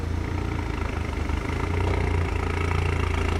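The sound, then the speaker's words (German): A loud, deep engine of a car that sounds louder than it should idles with a steady rumbling throb and slight clatter, swelling a little in the middle before settling back into its even idle. Tuning police officers were called out about the car. No one speaks. “Ein Wagen klingt lauter, als er sollte.”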